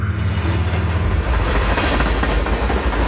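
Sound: train on rails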